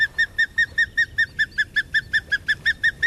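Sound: osprey calling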